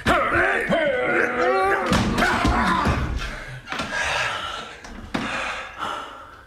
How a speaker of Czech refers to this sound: Zamknul se a teď nemůže ven. Co tam dělá? Přátelé, vyrazíme dveře. Pomozte mi.